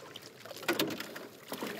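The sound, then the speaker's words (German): Water laps and splashes against a small boat on the largest lake of the capital city, where a father and daughter fish, with a few soft knocks and sloshes over a quiet outdoor background; no one speaks. “Mehrmals pro Woche sitzen Vater und Tochter in einem Boot auf dem größten See der Hauptstadt.”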